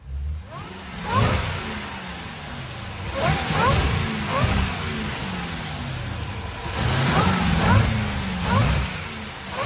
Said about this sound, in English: And then I played you a certain revving sound of a vehicle on this We Buy Cars Lansdowne floor. You just had to give me a guess as to which car you think this is.